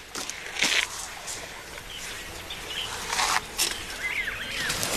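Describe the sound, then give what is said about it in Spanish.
Irregular crunching and tearing noises of an elephant incessantly chewing and grinding plant food, with short bursts spaced apart over soft outdoor ambience and a few faint bird chirps. “Aunque ese incesante mascar y triturar no es lo mejor para sus dientes.”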